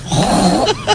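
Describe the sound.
On Basque regional television (ETV), a woman imitates a pig with a rough, nasal grunting snort lasting about a second, rising and wavering in pitch before two short squealing bursts at the end.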